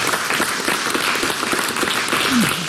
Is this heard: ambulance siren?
no